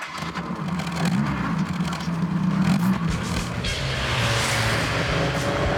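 A powerful car engine, in a car fitted with Recaro seats and driven to meet a potential buyer, roars steadily throughout, its deep rumble rising and dipping in pitch as it revs, loud and continuous with a gritty, noisy texture and no voices.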